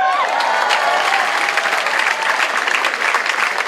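Sustained audience applause fills the space, a dense, steady patter of many hands clapping, with a brief voice or whistle-like tone at the very start.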